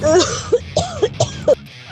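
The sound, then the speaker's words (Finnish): A person coughs several times in a loud series of short bursts with brief gaps between them, ending with a rougher throat-clearing sound. “Sulla on huomioon yskää, bro.”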